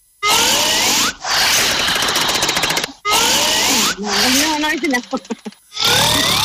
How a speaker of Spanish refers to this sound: Ronquido número cuatro.